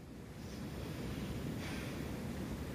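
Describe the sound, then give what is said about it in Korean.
Steady ocean surf washing onto a shore, a continuous broad rush of water with gentle swells in intensity and no voices present. “바닷가에 가면 하나의 거대한 파도소리가 살짝살짝 들리죠.”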